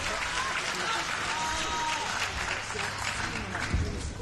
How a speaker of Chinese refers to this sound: 再给王丽琴，再给王楚钦鼓掌加油。